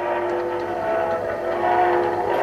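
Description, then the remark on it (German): A train rolls steadily along the rails, a continuous loud rumble with humming tonal overtones and the grainy hiss of an old recording, played from the second groove of a 1932 record. No one speaks. “А это какой-то что-то поезд какой-то едет или что-то.”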